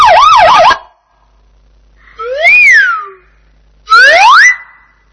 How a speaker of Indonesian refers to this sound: Mobil polisi.